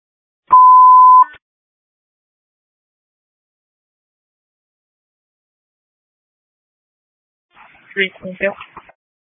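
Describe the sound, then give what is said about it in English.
A single loud, steady electronic phone tone sounds for nearly a second, then several seconds of silence before a voice starts talking. “this ringtone”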